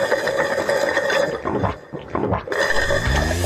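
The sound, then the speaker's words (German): People drinking water during a drink break: a dense, busy run of drinking and gulping sounds, with rhythmic rattling pulses. A short dip in the middle, then a steadily rising tone like liquid filling a glass. No voices are heard. “Also nehmt mal einen Schluck.”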